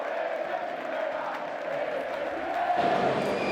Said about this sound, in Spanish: Y también a más de 400 kilómetros en La Coruña, La fanzona de Riazor celebraba que el Depor es de primera.